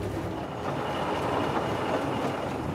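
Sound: steam locomotive running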